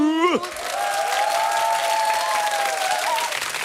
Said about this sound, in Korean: 박수는 건강에 좋아요, 여러분. 열심히 치세요.